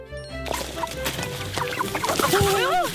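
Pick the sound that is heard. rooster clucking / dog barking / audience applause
rooster clucking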